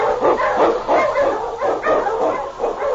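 A team of Eskimo sled huskies, led by the Wonder Dog King, barks and yips excitedly in the Yukon, loud overlapping bursts coming in quick succession with no pauses and no voices.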